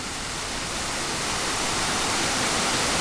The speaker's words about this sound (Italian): Di questa giornata ricordo soprattutto i saliscendi della Valle del Sangrio, il silenzio all'interno del Parco Nazionale e il rumore delle cascate.